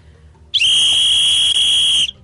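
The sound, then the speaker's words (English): A piercing, steady whistle blast lasting about a second and a half, loud and close, with a sharp high tone and bright overtones, starting and stopping abruptly. No talking during it. “Everybody needs to get a rape whistle.”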